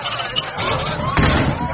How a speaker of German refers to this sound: Furchtlos ging er hinaus und zog die Tür hinter sich zu.